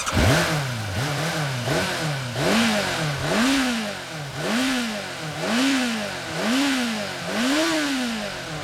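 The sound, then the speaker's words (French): A motorcycle engine revs repeatedly, its pitch climbing and falling in about eight steady surges, loud with a rough mechanical rattle underneath and no voices. “Avant de partir, il faut vous assurer que votre moteur tourne bien, qu'il peut rugir comme un tigre féroce.”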